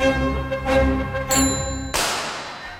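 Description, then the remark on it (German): A bicycle bell rings, a few bright metallic dings in quick succession with long shimmering overtones, ending in a noisier, rattling burst of sound. No one speaks. “1877, damit 60 Jahre nach der Laufmaschine, wurde die Fahrradklingel von John Richard Dedicott im Vereinigten Königreich erfunden.”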